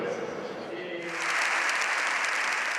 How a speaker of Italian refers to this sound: 8 minuti di applauso, prima volta di un Papa al Parlamento di Madrid